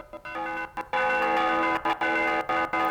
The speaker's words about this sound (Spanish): Ahora nos vamos a trasladar hasta Cantabria para ver a los tradicionales, lo que son los tradicionales toques de campana de distintas regiones de España. Ahí los tienen.